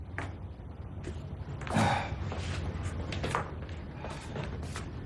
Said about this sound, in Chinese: 他推开门走进房间。